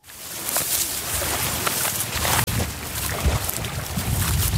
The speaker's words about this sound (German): Der Wind fährt durch das Goldgelb der Schilflandschaften, die das tiefblaue, schier endlos weite Wasser rahmen.